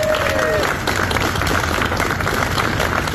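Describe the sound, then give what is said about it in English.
Steady, dense, loud applause from a crowd as a firefighter injured in the Searsmont mill explosion and fire leaves Maine Medical Center, with a brief whistle near the start and indistinct voices mixed into the clapping throughout. “A firefighter injured in the Searsmont mill explosion and fire last month left the hospital today to heartfelt applause.”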